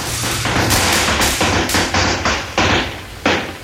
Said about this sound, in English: Let's lay off some firecrackers and have a good time. Yeah, that's what we're going to do.